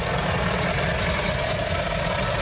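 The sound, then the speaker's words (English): A steady, loud rumble of heavy truck engines on the Mahi Mahu Road, the long, winding truck route from Nairobi to Naivasha in Kenya that curves around the Great Rift Valley; a continuous low drone with a gritty mid-range roar and no gaps. “I'm on the Mahi Mahu Road, which is the long, winding truck route from Nairobi to Naivasha.”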